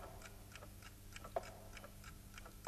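A clock ticks quietly and steadily, about three soft ticks per second, with two slightly sharper clicks standing out; no voices are heard.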